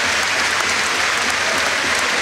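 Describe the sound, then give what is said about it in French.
The whole stadium crowd at Sclessin applauds Robert Absolon, a dense, steady wash of clapping that stays loud and even throughout, with no voices standing out. “Applaudi par tout le stade véritablement.”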